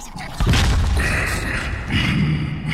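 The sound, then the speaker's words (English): A man abruptly spits out chewing gum, a sudden loud burst followed by a rough, rumbling rush of noise that carries on without any talking. “We apologize for the distasteful sound of his suddenly spitting out his chewing gum.”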